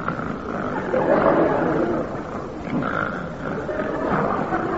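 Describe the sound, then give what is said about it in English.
Loud, rasping snoring from a grandfather during the night, rumbling on without a break, with rough, growling swells roughly every couple of seconds and no talking. “But he'll lie awake all night with his granddad. Listening to the snoring.”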